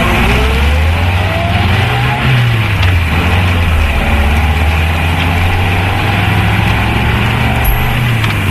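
A car engine hums steadily from inside the moving vehicle, a continuous low rumble whose pitch rises and falls slightly over a constant road roar, with no voices.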